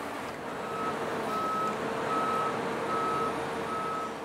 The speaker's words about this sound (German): 60 Tonnen wiegt der Fünfachser, der die Heukenlock in den Diamantgraben hieven soll. Fast sechsmal so viel wie das Boot selbst.